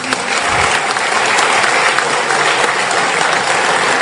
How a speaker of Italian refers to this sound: Permettetemi, posso chiedervi di fare un applauso alla nostra moderatrice?